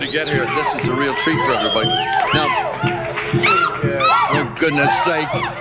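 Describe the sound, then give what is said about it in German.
A concert audience cheers loudly and without pause, a dense mass of excited, high-pitched screams and shouts that rise and fall over one another. “Und das Publikum hört nicht auf zu jubeln.”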